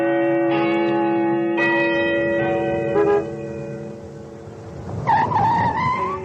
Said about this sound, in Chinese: 江边的钟楼又按时响起了钟声